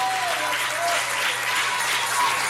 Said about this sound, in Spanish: Dale un aplauso a Dios.